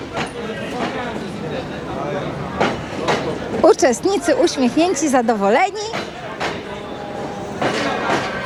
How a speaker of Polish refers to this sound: Ostatnie wagony nas mijają.